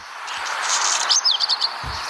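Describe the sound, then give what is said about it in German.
A black redstart sings a short, scratchy phrase with a few high, quick warbled notes over a hiss of background noise, moderately loud, with no voices. “Und im letzten Jahr der Hausrotschwanz.”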